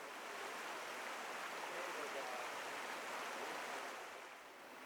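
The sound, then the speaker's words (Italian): Steady rushing of river rapids, a dense continuous roar of churning water that holds an even level throughout, easing only slightly near the end, with no voices over it. “Qui ne abbiamo uno di particolare, volevo arrivare a questo, però in realtà adesso fra un po' ci allontaneremo, prevarrà di nuovo il paesaggio sonoro delle rapide.”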